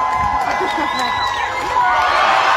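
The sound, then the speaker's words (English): A large crowd at Barton Springs pool cheers and whoops loudly as a little boy finally leaps from the diving board into the deep end, with shouting voices echoing and overlapping continuously and the noise swelling toward the end. “With his dad encouraging him and waiting in the water below, the boy finally takes the leap, sending the crowd into a huge celebration.”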